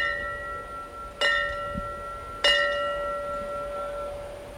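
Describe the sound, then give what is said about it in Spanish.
A single bell is struck twice, just over a second apart, in a memorial last alarm tradition honoring those who made the ultimate sacrifice; each clear metallic clang rings on with a long, steady hum that lingers between strikes. No one speaks. “The first three rings representan la llamada del deber.”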